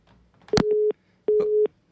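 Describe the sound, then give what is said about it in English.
A telephone busy tone after a call hangs up: two steady, mid-pitched beeps of equal length, each about a third of a second, separated by a short silence, loud and alone with a faint click at the start. “Oh, and there's the hang-up.”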